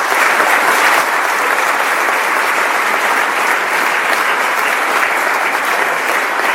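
Loud, sustained applause from a large crowd after a speech, a dense, steady wash of clapping that holds at an even level throughout with no voices standing out.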